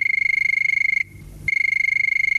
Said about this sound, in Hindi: तो चलिए शुरू करते हैं बातों का सिलसिला, और ये बजी टेलीफोन की घंटी। चलिए देखते हैं ये पहला कॉल किसका है।